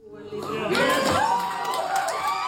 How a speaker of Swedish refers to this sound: Allt pekar på att Liberalerna klarar riksdagsspärren. Det möttes av ett stort jubel på partiets valvaka i Uppsala där partiets gruppledare i riksdagen, Lina Nordqvist, tog emot beskedet.